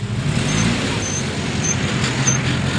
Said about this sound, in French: Devant cette station-service de Brazzaville, la longue file des voitures qui attendent le carburant dépasse les 100 mètres.